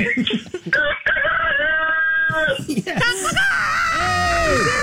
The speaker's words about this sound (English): Wow, that worked. You got a great rooster there. I love it. Oh, he's a great rooster.